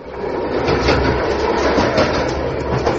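A train carriage rolls steadily along the rails with a dense, continuous rumble and faint rhythmic clatter, fairly loud, with no voices.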